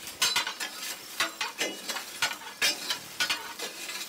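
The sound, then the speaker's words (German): A steam locomotive's drain valve rattles in quick, uneven metallic clatters, each burst carrying a bright hiss of escaping steam, with a steady rushing noise between them and no voices. “die Entwässerungsventil klappert da vor sich hin und irgendwas rauscht immer, irgendwas zischt”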